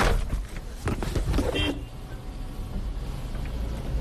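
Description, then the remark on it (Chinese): A work car, driven for trips into the desert, starts up with a burst of rattling, clunky noise, then settles into a steady, low engine rumble as it drives, with no one talking. “我的车跟垃圾车一样， 这是工作的时候开的车。”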